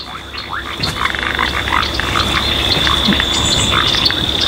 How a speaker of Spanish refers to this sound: Acá se escuchan las ranas y sapos que viven en esta zona húmeda.